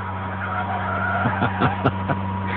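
A car heading to Tokyo, driven by the burly wrestler Hato, drives along with a steady engine drone and road noise, broken by a few short squealing bursts toward the end, with no voices.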